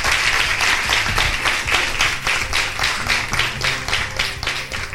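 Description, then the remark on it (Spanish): An audience claps their hands to the King of Kings in a steady, rhythmic beat, loud and continuous for the whole stretch, with a low sustained tone humming underneath. “Le puede dar palmas al Rey de Reyes y señores, señores.”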